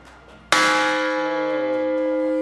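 A single strike on a temple bell made from a World War II bomb, dropped by Allied forces to destroy a railway bridge, followed by a long, steady ringing hum with layered metallic overtones that waver slightly as they slowly fade. No voices are heard.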